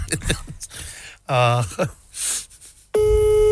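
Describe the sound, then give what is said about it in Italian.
A loud, steady telephone line tone cuts in abruptly near the end and holds, after a stretch of voices, gasps and vocal noises. “telefonata. Sentiamo la risposta.”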